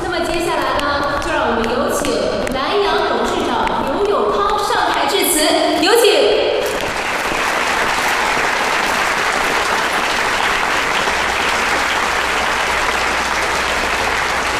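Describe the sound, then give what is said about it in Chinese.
Voices with tonal, music-like sound give way about halfway through to a loud, dense wash of audience applause for the Lanyang Life insurance company at a staff awards gathering: many hands clapping steadily without a break until the end. “让我们为蓝牙人数鼓掌，也为我们自己鼓掌。”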